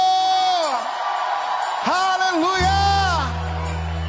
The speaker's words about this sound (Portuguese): Aqueles que estão em vitória, vamos dar um grito de júbilo!